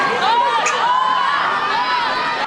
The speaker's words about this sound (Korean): 축구대표팀의 첫 공개훈련 현장에 몰려든 멕시코 어린이들이 태극기를 흔들며 환호합니다.